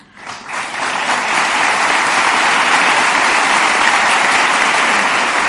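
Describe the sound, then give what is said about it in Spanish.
An audience bursts into applause for the Spanish king's words that Ceuta and Melilla are part of Spain, swelling quickly within the first second into dense, steady clapping that holds at a loud, even level to the end, with no voices over it. “Estas palabras eran recibidas con aplausos”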